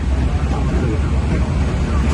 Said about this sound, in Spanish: Bueno, se oye un poco reguleras, pero normal, es cosa de los aviones. Lo entendemos.